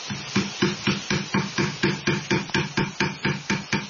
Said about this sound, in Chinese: 头先大家听到的声音是黑刀凿入木层打磨木面的声音，就是我们佛山木雕独有的工艺声响。一刀一凿就藏住几百年的岭南工艺底蕴。